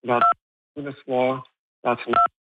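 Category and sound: signal or alarm, phone keypad button tones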